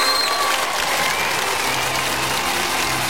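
Loud, dense applause with steady clapping from many hands that fills the whole clip at an even level, with no voices on top.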